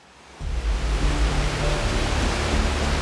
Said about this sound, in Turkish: Devasa bir şelale var. Hemen şurada.